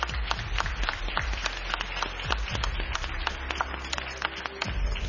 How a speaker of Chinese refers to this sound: 此时此刻看到孩子们脸上都是如释重负的笑容啊，经过刚刚的激烈的角逐，最终我们站在这个舞台并且取得了铜奖的成绩，非常的了不起，让我们再一次热烈的掌声祝贺他们。